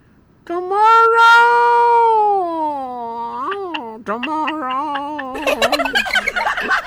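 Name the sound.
cats meowing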